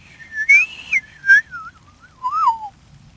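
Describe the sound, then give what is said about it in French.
A person whistles an imitation of a woodpecker's spring call: a clear, gliding series of notes that slides downward over about three seconds, with breathy accents, alone. “Puis le printemps, il siffle comme un monsieur, là, attention.”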